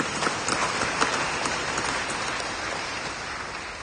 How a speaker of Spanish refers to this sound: Palmas al Evangelio, hermano.